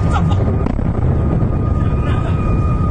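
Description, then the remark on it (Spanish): A drone fired from Iran strikes an oil complex in the United Arab Emirates, starting a fire: a loud, rumbling blast with a heavy low roar that fills the whole clip, a sharp crack partway through, and a steady high whine running underneath. “En total, según informa su Ministerio de Defensa, hoy han derribado al menos 15 misiles y 4 drones disparados desde Irán, aunque uno de ellos impactó directamente en un complejo petrolero. Este fue el momento del impacto.”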